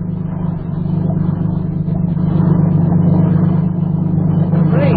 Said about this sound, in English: And just in case you might start talking when that motorboat comes alongside, I'll put this gag in your mouth.